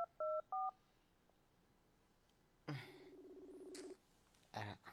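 Two short, clear cellphone keypad dialing tones beep in quick succession at the start as someone places a call on a cellphone, followed by a quiet pause and then a longer burst of purring, rumbling noise.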